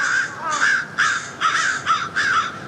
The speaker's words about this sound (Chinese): 乌鸦现在发出的似乎是警报声，之前的警报也吸引了附近的乌鸦过来查看。